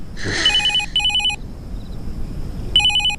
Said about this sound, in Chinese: 接吧，这个点来电话